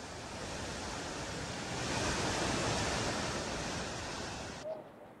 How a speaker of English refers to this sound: River is now flowing at a higher level, raising concerns in low-lying areas along its bank.